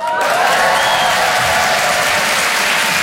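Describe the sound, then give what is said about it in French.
A crowd applauds steadily and loudly, a dense wash of clapping that fills the whole stretch without pause, with faint cheering mixed in. “Que les gens l'applaudissent, c'était facile.”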